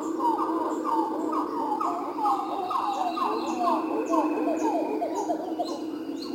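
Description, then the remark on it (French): A brown titi monkey, a small New World titi locally called Zogi Zogi, calls in a steady, rhythmic series of loud, swooping tonal notes, repeated without pause against a constant hum of forest insects and fainter higher chirps. “Un petit singe calicèbe, typique du Nouveau Monde.”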